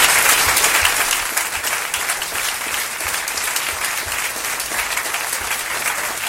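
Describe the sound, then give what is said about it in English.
Sustained applause from a sizable crowd, a dense rush of clapping that stays loud and steady throughout, easing only slightly after the first second. No one speaks over it. “Round of applause to you. Round of applause to the Investigators.”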